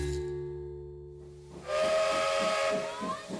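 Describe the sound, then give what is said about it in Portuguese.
A steam locomotive's whistle sounds with steady tonal notes, then a loud burst of hissing steam takes over with rhythmic chuffing pulses underneath, strong. “Vem o caminho de ferro e a máquina a vapor, depois o carro elétrico, o carril e o elevador.”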